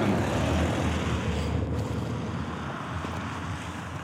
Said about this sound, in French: sûrement voiture de société, mais il a pas roulé trop vite et il nous a vraiment regardé